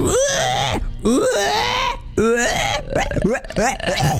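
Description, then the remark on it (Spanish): A person imitates a pig's squeal with a run of high, strained, wavering vocal squeals and grunts, loud and close, broken by brief pauses. “Es muy difícil hacer el cerdo, chico.”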